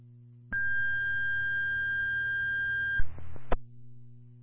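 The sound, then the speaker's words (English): A loud, steady electronic dispatch paging alert tone, the second tone for a medical alarm call to Colebrook First Responders at 407 Colebrook Road, holds for about two and a half seconds, then cuts to a brief burst of crackly radio noise and clicks, over a low background hum. “LTD Colebrook First Responders, 407 Colebrook Road, medical alarm, no contact made, 32 Bravo 2, time of your second tone, 1037.”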